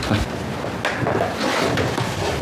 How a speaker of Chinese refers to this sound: 如果你非要看呢，那我给你拿去，照片在办公室呢，压在抽屉底下，我给你翻出来。